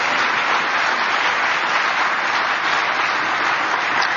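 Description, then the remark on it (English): Steady audience applause on a frigid night, opening the 23rd season of the William B. Crawley Lecture Series, Great Lives, a dense wash of many hands clapping at an even, sustained loudness for about four seconds with no voices breaking through. “Let's give 23 years applause.”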